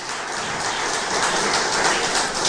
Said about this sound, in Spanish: Denle un fuerte aplauso al Rey de Reyes y Señor de Señores, Jesucristo.